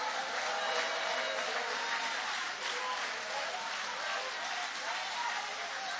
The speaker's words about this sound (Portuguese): Levanta a mão e dá um glória a Deus aí. E aplaude a ele, que ele merece.